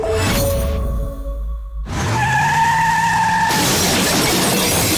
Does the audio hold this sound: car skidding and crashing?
yes